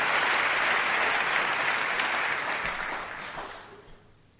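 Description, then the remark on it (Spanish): An audience applauds the poets in a dense, steady burst of applause that holds strong for a few seconds, then tapers off and thins into scattered claps before fading out. “Sí, por favor, aplaudan a todos los poetas, hay que aplaudirlos ahora.”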